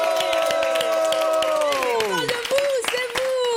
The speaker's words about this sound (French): On applaudit aussi avec nous ce soir. On a la présence d'un merveilleux public.